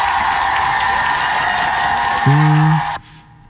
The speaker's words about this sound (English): You know, applause to my guy, though, man. Give it up for Travis Kelce.